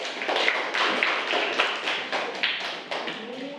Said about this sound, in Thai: แล้วก็เดี๋ยวครูจะให้นักเรียนกลุ่มที่1 นะคะเป็นผู้นำเสนอใบกิจกรรมนี้นั่นเองค่ะขอเสียงปรบมือให้กับกลุ่มที่1ด้วยค่ะ